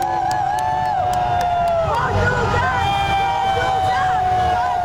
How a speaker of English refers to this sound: Here's the team bus departing downtown Delta Hotel on Bremner around 10:30 this morning, as there were hundreds of fans lining the streets to catch a glimpse of their favorite players.